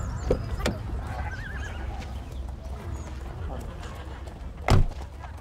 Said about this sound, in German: Ein schönes Pferd hast du. Danke. Gehört es dir? Nein. Ich pflege es nur gerade. Wir sehen uns. Bis dann. Wie heißt es? Curry. Curry? Ja. Ist es ein Junge oder ein Mädchen? Es ist ein Junge, ein Wallach.